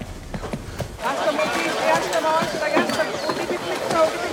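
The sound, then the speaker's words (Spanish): Released horses gallop off with a rapid clip-clop of hooves, the thudding beats strongest at first, then partly buried under shouting voices and general commotion. “suelta los caballos.”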